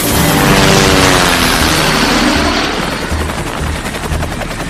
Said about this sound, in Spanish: El helicóptero avanza.